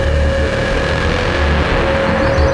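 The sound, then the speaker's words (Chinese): Heavy Japanese military truck engines rumble steadily and loudly, a continuous low mechanical drone with a faint whine above it, and no voices. “大哥，快看，小日本的卡车。”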